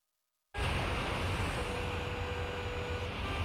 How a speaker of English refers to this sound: Ah, so much traffic.